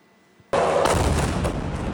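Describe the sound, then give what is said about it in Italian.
A sudden loud boom bursts out of near silence in the night outside Moscow, then rolls into a sustained, rumbling roar of further explosions that keeps going without pause, as Ukrainian drones strike one of Russia's largest refineries. “Un boato nel cuore della notte e a seguire tante altre esplosioni.”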